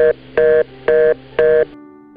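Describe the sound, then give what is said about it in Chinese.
A telephone's disconnect tone after a phone call with a mother is hung up: four short, evenly spaced electronic beeps in a steady on-off rhythm, clear, followed by a faint lingering hum, with no voices. “要不等我有空再打电话给你，就这样，先挂咯。”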